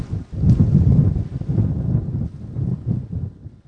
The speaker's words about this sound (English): Oh man, big wind.